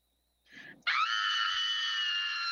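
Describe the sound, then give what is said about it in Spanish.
A woman's recorded audio sent in by a listener: she lets out a loud, sustained scream of fear, shrill and steady for about two seconds after a brief breathy intake, alone with no talking. “tienes que mandar tu audio con un grito de miedo”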